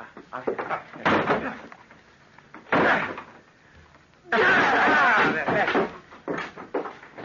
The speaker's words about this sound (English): Open the door. It's locked. Then break it down.